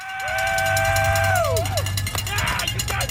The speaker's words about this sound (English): Supporters cheering on thousands of athletes daring to become an Ironman. But the grueling triathlon is not for the faint of heart.